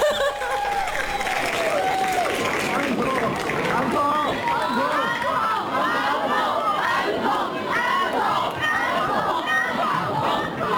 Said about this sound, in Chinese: 食堂之夜毕业歌会完场的尾声，在观众高喊返场的欢呼声中